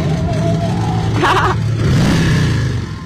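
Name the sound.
motorcycle engines revving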